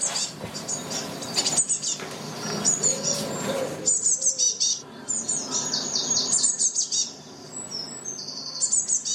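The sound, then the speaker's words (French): Blue tit, a small insectivorous passerine of the tit family, calls: thin, high-pitched chirps and rapid trills come in repeated bursts throughout, over a steady low rumbling background noise. “La mésange bleue est un petit passereau insectivore au plumage parfois rehaussé de teintes vives répandues dans le monde entier.”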